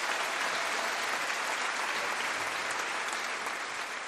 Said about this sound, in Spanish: Háblense, por amor de Dios. Háblense. Un aplauso al amor y al matrimonio.